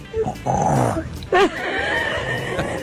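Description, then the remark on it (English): A baby, about 5 or 6 months old, makes rough, throaty snoring noises in a few bursts, a raspy growl rising and falling as it imitates its dad snoring, with a brief higher squeal in the middle. “This infant, probably 5 or 6 months old, imitating dad snoring.”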